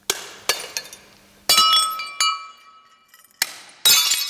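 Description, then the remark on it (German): In a large hall of the Ludwig Museum in Koblenz, an artist sitting on the floor strikes dozens of porcelain cups and plates with a hammer for an installation. Each blow is a sharp crack of breaking china followed by ringing, tinkling shards. The smashes come at an uneven pace, loud, with no talking. “zerschlägt mit einem Hammer Dutzende Tassen und Teller aus Porzellan.”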